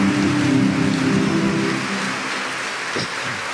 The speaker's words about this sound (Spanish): Un aplauso a Jesucristo, pues. Amén.